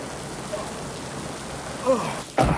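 nature, rain falling

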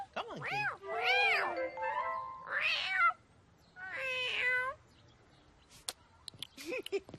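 animal, cat meowing

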